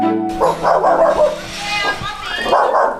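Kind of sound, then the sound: animal, dog barking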